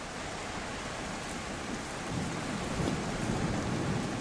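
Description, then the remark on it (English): Heavy tropical rain at the start of the rainy season on Christmas Island pours in a dense, steady hiss, and about halfway through a deep rumble of thunder rolls in underneath, swelling low and continuous. No voices. “On average, more than 2 meters of rain falls on Christmas Island each year.”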